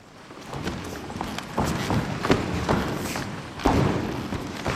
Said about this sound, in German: Warm-up auf dem knarzenden Holzboden der Aula in Sulzbach. Das Ensemble durchschreitet und durchstampft den Raum und erforscht so Schritt für Schritt die Möglichkeiten, die er auch akustisch bietet.